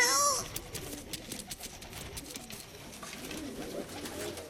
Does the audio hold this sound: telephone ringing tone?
no